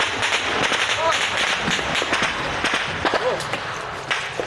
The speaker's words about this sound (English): A Russian drone above. The Ukrainians open fire.